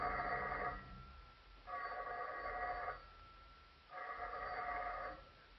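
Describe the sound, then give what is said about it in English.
A telephone rings in an apartment shortly after 11 o'clock at night, in three distinct bursts, each lasting about a second with short pauses between, loud with a buzzy, trilling tone and no talking. “Almost at once, the telephone began ringing.”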